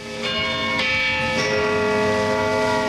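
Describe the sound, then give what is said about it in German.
The tower bell of St. Peter in Zürich strikes noon, tolling in slow, regular strokes, about three heavy strikes whose deep, ringing tones overlap and hum on between blows. No voices are heard. “Wenn es in Zürich Mittag ist, hört man 12 dumpfe Schläge vom St. Peterturm und das Knurren von 500.000 hungrigen Mägen.”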